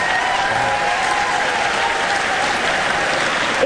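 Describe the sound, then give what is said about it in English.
A live audience of the show Wait Wait... Don't Tell Me applauds and cheers steadily after a caller from Brooklyn says she is a lawyer for kids at the Legal Aid Society, a dense, sustained wash of clapping with a few whoops rising above it, loud and continuous throughout. “Yeah, it's the right crowd for that.”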